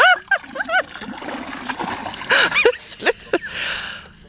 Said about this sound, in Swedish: Jag tar ett öskar och så häller jag ner här nu. Ja. Ett, två, tre.